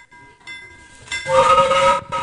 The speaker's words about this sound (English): Good job hitting the train whistle there.